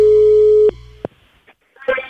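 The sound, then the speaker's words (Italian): A telephone busy tone after the line drops during a phone call: one steady, mid-pitched electronic beep that cuts off abruptly, followed by a couple of sharp clicks and the start of a voice at the end. “Eccomi, è caduta la linea.”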